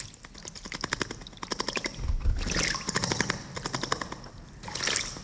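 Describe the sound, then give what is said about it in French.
A small bird bathing, making repeated bursts of quick, rattling splashes and wing flutters in water, separated by short pauses, with no voices. “Ça, c'est un oiseau qui se lave.”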